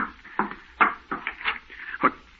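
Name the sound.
knocking on a door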